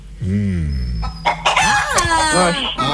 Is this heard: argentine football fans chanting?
no